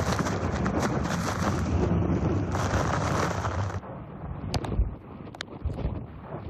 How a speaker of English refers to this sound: You know what? These are the worst winds that we've gotten all night.